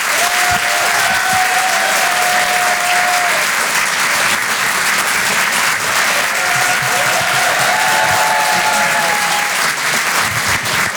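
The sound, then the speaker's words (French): A crowd applauds loudly and steadily for about eleven seconds, dense clapping filling the whole stretch, with sustained whistles and cheers rising over it at moments, as Edgar Yves is introduced. “Applaudissez le blanc qui m'a présenté là, applaudissez-le.”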